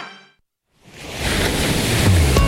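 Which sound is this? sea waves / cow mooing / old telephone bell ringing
sea waves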